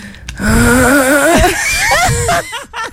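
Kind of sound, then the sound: vocal imitation, imitated loud snoring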